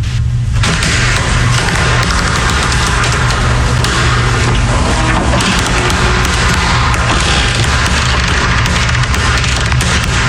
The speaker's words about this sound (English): It's the opening and closing of my workplace washroom door.